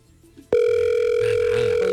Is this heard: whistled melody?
no